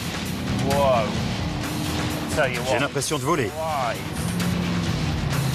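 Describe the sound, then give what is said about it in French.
A 6.2-litre sports car engine that does 0 to 100 in 4 seconds drones steadily at a loud, low pitch and pushes harder as it accelerates, while a man speaks over the noise. “On dit qu'en ligne droite, elle file comme des fusées. Eh ben, je confirme. On va la pousser un peu. Vous entendez ça?”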